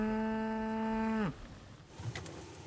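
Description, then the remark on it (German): A single loud German Angus beef cow on a farm just over the dike moos, a steady low drawn-out call of about a second that drops in pitch at the end, followed by quiet outdoor background. “Ihre Deutsch-Angus-Rinder sind eine reine Fleischrasse.”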